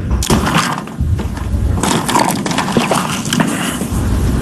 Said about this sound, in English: The sound effect you heard was him taking a drink of water as that question was being asked, HD, loudly, to make sure, like, oh, so this is what we're doing.